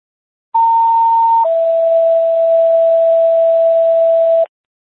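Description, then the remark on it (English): A two-part radio dispatch non-emergency alert tone: a short steady higher beep lasting about a second, then a longer, slightly lower sustained tone for around three seconds, loud and clear with no voices. “Medic 60, how copy non-emergency tones?”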